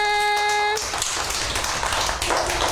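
A group claps for themselves in a dense, steady patter of applause that continues for a couple of seconds, following a brief held tone at the start.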